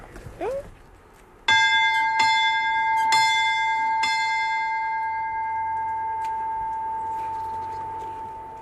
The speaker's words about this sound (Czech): Co říká tvoje babička, jedna ten zvon nespadne na hlavu? Je fakt velký, nebo?